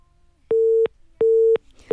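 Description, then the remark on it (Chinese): A phone busy tone after a caller's call to a call-in line cuts off: a steady mid-pitched electronic beep repeating in an even on-off rhythm, three pulses heard clearly on their own with no talking. “这位朋友应该是误碰到了自己的手机啊”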